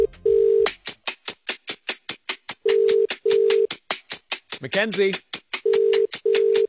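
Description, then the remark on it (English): A phone ringing tone sounds in repeated double pulses, the steady buzzing pairs coming through the line over a rapid, ticking beat, as a call is placed to a woman in Western Sydney who must answer within 10 seconds. A brief vocal sound breaks in near the end. “So let's give her a call. She just needs to answer her phone in 10 seconds.”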